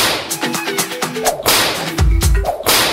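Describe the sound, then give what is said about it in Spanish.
Three loud whip cracks snap in quick succession, sharp and crisp, with a faint melodic backing underneath. “Triple latigazo.”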